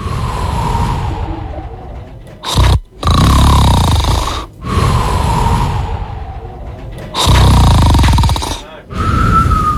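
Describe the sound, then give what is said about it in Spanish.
Loud, heavy snoring in long rasping breaths, each pulled in with a harsh rattle and separated by brief silent pauses, repeating steadily. “Ronquido número 5.”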